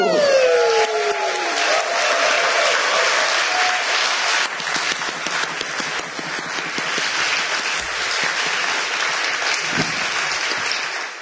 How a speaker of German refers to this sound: Und deshalb in diesem Sinne, danke für euren Support und euren Applaus, ihr liebes Magdeburger Millionenpublikum.